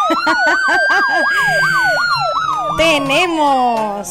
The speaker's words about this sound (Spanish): Oye, pero la ambulancia, ¿cómo suena?